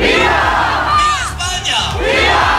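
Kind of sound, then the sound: crowd, protest crowd shouting slogans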